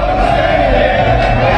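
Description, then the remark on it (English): A dense, steady roar of World Cup football fans cheering and shouting together in downtown Atlanta as streets close ahead of the Argentina versus England semifinal, loud and continuous with no single voice standing out, a crowd noise that fills the whole moment. “That's the sound of fans downtown as streets are closing and World Cup fans are out in force ahead of today's semifinal match between Argentina and England.”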